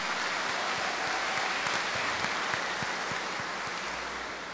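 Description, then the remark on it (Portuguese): An audience at a parish in Marcelino Ramos applauds the word of God just heard, a dense, steady wash of clapping that holds at an even, fairly loud level throughout, with individual claps popping out here and there and no voices. “Uma grande salva de palmas à palavra de Deus que nós ouvimos.”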